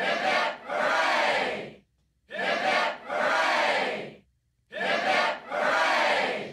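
A crowd roars three cheers for Captain Cook in quick succession, each a loud, broad burst of many voices with a short rising start, separated by brief silences, and no other talking.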